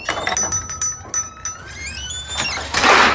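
A kitchen drawer slides open, its runners scraping with a rising squeal while metal utensils inside clink and rattle in quick bursts; no one speaks.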